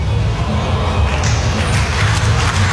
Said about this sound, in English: The boos and ahs from the crowd, they'll be on the edge of their seats there.